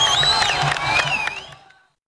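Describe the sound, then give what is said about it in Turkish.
A crowd cheers and claps after Spain wins the football match. It is a dense, steady roar with shrill rising and falling whistles or ululating cries over it, before the noise drops away abruptly under two seconds in. “Alkışlar, tezahüratlar, birbirine sarılan insanlar, onca yıkımın ortasında kısa da olsa yüzler güldü.”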